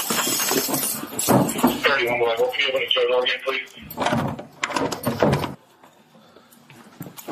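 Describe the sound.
A door at a jail booking area opens and closes with clattering, echoing movement while people talk; the noise stops abruptly near the end, leaving a faint, quiet tone.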